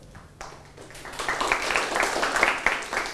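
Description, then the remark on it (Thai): A group of students in a class applauds group one, a dense patter of many hands clapping that builds over a few seconds and stays steady and fairly loud, with no one speaking. “ปรบมือให้กลุ่มที่หนึ่ง”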